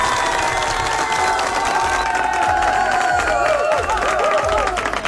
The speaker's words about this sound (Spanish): Un fuerte aplauso para las personas que programaron las canciones.